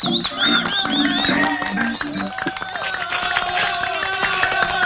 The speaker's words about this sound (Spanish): Más fuerte los aplausos. Claro que sí.